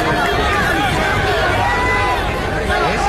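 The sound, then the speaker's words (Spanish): A large stadium crowd shouts louder at a player, a dense, loud wash of many voices with overlapping rising and falling yells throughout. “La gente grita más fuerte, inclusive.”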